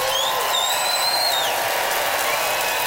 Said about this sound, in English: Audience, it is up to you, Regina. Time to vote by applause.